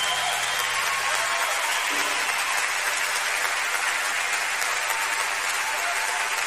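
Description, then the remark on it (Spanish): Steady, loud applause from an audience at an evening concert, after a call for louder applause for a performer: a dense wash of clapping that keeps an even level for several seconds with no break and no one speaking over it. “Un aplauso para Ben más fuerte.”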